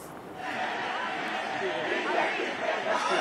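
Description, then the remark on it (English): Dense crowd chatter from a protest gathering of mostly young people at Shivaji Park in Mumbai, a steady wash of many overlapping voices without pause, fairly loud and continuous throughout. “I can understand a lot of people behind you.”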